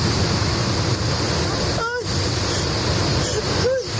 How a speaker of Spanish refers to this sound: Este es el sonido que se lleva, el sonido del agua que se lleva por delante coches y contenedores y todo lo que encuentra a su paso por la localidad de Madrigueras.